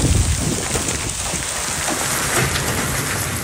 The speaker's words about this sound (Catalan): Al Solsonès, segons el Servei Meteorològic, va caure aquesta pedregada que sentim ara mateix, pedres de fins a 5 centímetres de diàmetre.